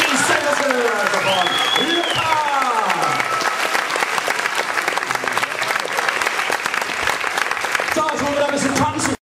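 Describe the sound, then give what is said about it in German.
Sustained audience applause for a performer on stage who is given an honorary button, loud and steady for several seconds, with a few voices and a cheer rising over the clapping near the start and again at the end. “Und deshalb gibt es von mir einen Ehrenbutton und vom Publikum einen tollen Applaus.”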